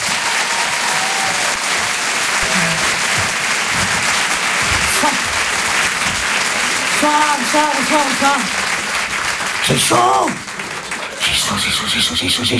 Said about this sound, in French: Je demande un tonnerre d'applaudissements, s'il vous plaît, pour Elisabeth Buffet.